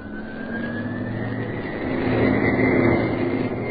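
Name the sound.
jet aircraft taking off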